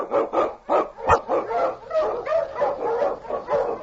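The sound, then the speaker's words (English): King, a husky Eskimo sled lead dog, barks loudly, starting with a quick run of sharp barks that give way to continuous excited yelps and whines. “The Wonder Dog King, swiftest and strongest of Eskimo lead dogs, blazes a trail through storm and snow for Sergeant Preston as he meets the Challenge of the Yukon.”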